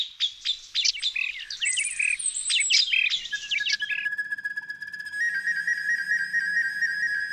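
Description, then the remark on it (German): A recorder flute imitates birdsong: quick, bright twittering chirps for a few seconds, then a long steady high note with fluttering trills above it, played alone. “Also sie trägt gar nicht mehr diesen Block im Namen, sondern sie ist sozusagen die Aufnehmerin, weil sie gerne auch Klänge zum Beispiel von Vögeln aufnimmt und wiedergibt.”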